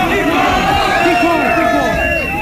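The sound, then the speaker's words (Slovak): A large crowd gathered outside the Czechoslovak Radio building on Zochova Street in Bratislava fills the air with a loud, continuous roar of overlapping voices and shouts, rising and falling in swelling waves of excited chanting and calling. “Vtedajší riaditeľ Československého rozhlasu v Bratislave … takto ráno prehovoril k občanom, ktorí sa zhromaždili pred budovou Bratislavského rozhlasu, vtedy ešte na Zochovej ulici.”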